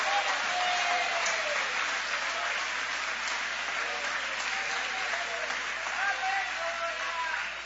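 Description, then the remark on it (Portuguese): An audience applauds steadily for several seconds during a sermon, a dense, sustained wash of clapping from many hands, with scattered voices calling out above it throughout. “Pode aplaudir, querem adorar, pode adorar.”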